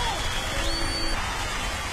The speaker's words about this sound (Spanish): Así es, un aplauso. Es la guacamaya.